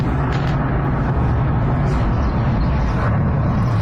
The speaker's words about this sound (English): Sound of explosions in St. Petersburg. Kyiv says its drone strike hit an oil terminal on the outskirts of the city.